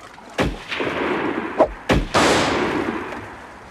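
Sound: gunshots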